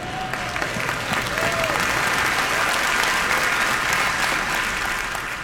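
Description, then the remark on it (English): A crowd breaks into loud, sustained applause, dense clapping holding steady for several seconds with a few scattered whoops or whistles near the start. “Oh, you should have clapped a lot louder for that.”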